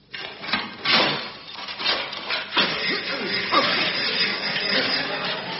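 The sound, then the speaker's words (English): A metal saw rasps through jail bars in uneven, scraping strokes, with clanking and clattering mixed in. The noise stays fairly loud and busy throughout, and a voice may come through faintly beneath it. “Thus, while Ned worked on an escape tunnel, the brilliant Eccles covered the sound by sawing through the bars.”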